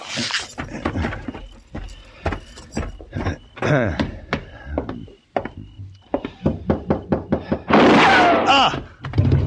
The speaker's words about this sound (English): It was a gunshot